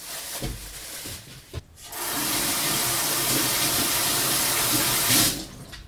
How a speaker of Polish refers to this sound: Wyjmuję mięso. Teraz muszę je starannie opłukać.